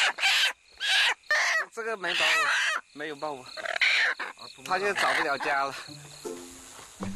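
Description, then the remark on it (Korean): After dark, chickens cluck and squawk in a run of agitated, uneven bursts as a worker lifts a chicken slightly to check for eggs, with a steady chirring of insects faintly in the background. “닭을 살짝 들어 올려 알이 있는지 작업자가 확인합니다.”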